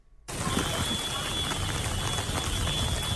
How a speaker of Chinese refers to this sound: 开学第一天，台南不少地区都是下雨，